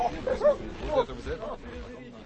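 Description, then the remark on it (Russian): Hunting dogs, set onto the trail during a bear hunt, bark and yelp in a quick, uneven burst of a few sharp barks, with indistinct human voices murmuring underneath. “Пошли, пускайте собак по следу.”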